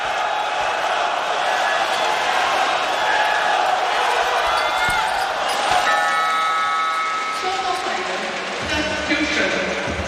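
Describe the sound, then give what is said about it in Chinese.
A basketball arena crowd applauds and cheers as the home team brings on its number 27 player, a steady, loud wash of noise with voices mixed in, and sustained tones like a horn or music cut in partway through. “下面入场94号队员，主队换上27号大球，掌声欢迎！”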